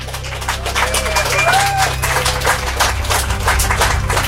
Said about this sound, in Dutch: Leuven, jullie waren al zeer goed bezig om een applaus te geven. Dat mogen jullie nog eens doen.